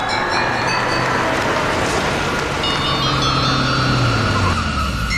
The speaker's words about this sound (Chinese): 夜色下，一条僻静的小巷，几辆汽车悄然驶入小巷停下。